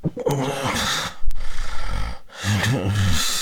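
Loud, ragged snoring in two heavy bursts, separated by a rough, gasping stretch of breath, giving an irregular, labored sleeping rhythm. It is a recording from a health web page on sleep apnea, typical of obstructive sleep apnea.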